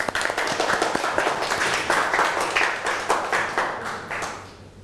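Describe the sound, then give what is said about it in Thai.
Students in a classroom clap together for a classmate who has just answered, a dense burst of many hands that holds steady for a few seconds and then fades out quickly. “โอเคปรบมือเพื่อนหน่อยค่ะ”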